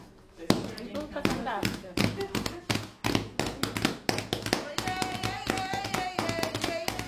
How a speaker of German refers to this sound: Carla tanzt, die anderen klatschen den Rhythmus und singen.